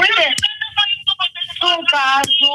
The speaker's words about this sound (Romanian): Lăsați televizorul mai încet și haideți să ne auzim în telefon.